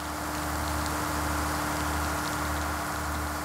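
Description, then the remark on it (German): Steady rain patters against a car windshield while the vehicle drives, a constant hiss of drops layered over a low engine drone and hum, with no voices. “Die erste Kameraeinstellung, Regen auf der Frontscheibe des fahrenden Autos.”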